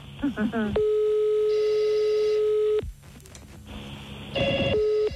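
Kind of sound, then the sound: signal or alarm, telephone line tone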